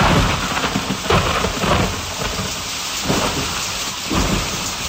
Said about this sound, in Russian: Весенний гром, как будто салют весне.